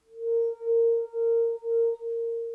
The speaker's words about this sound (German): Wie ein Weinglas, über dessen Rand man mit dem Finger fährt.